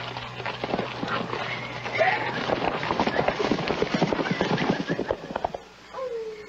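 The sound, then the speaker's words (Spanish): Several horses clip-clop busily as they are rounded up, their hoofbeats dense and overlapping on firm ground, with a short whinny rising near the end as the trampling eases. “Sí, mientras los muchachos reúnen los caballos, vamos allí a buscar un sitio para acampar.”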